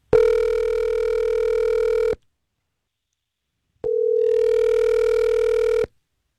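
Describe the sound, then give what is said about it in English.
An outgoing phone call from the radio station Star 101.3 ringing: two long, steady, buzzy ringback tones of about two seconds each, separated by a short pause, with no voices. “I'm going to call her.”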